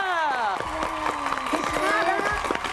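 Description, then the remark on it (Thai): Scattered clapping from a small group, sharp irregular claps mixed with excited raised voices and cheering, continuous throughout. “เน่เขาเสียงปรบมือ”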